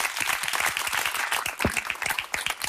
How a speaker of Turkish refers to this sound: Alkışlarım yani.